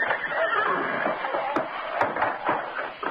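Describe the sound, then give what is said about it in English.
A horse, Firefly, whinnies and snorts in its stall, its breathy, rising calls filling the space, with a couple of sharp knocks like a hoof striking wood. “What about horse? I want to see Firefly's stall.”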